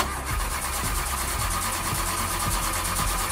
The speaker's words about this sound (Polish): I nagle samochód gaśnie. Próbujemy go odpalić.